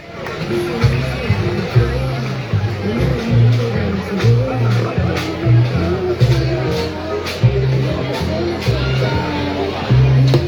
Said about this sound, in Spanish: Hay un aplauso enorme al equipo Telco Madera, cumplimos. Gracias chicos, os deseamos una muy buena carrera.